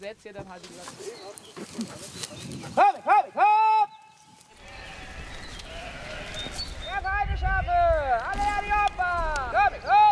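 A herd of sheep bleats repeatedly, many overlapping calls, some loud and wavering, over a steady low rumble of movement and outdoor noise.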